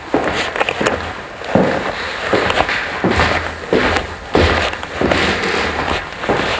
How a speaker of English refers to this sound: You're listening to footsteps on the wide oak stairs where the musicians assembled at Wagner's house in Switzerland.